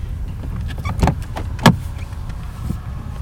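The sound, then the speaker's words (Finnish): A car idles and rolls slowly onto a flat spot of rock at a natural, rocky boat harbour, with low engine rumble and a few sharp crunches and knocks, like tires shifting over uneven rock, with no talking. “Kalliolla on kuitenkin sen verran tasainen kohta, että saan siihen auton.”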